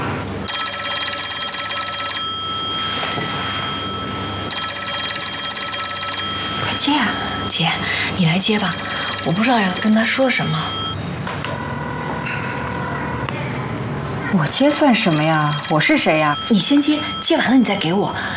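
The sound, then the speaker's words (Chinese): A telephone rings in repeated electronic bursts, each lasting a couple of seconds with short gaps, loud and close, while people talk between and over the rings. “你先接，接完了你再给我，免得让他知道我在等他电话。”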